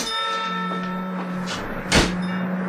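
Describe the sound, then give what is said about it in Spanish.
A sailor opens the door of a ship's cabin with a few soft clicks, then a sharp clunk of the latch, all over a steady electrical hum that carries on throughout. “A una señal de aquel marino, Calimán y sus compañeros se detienen en la entrada a un pasillo, mientras aquel abre la puerta de acceso a un camarote y desaparece.”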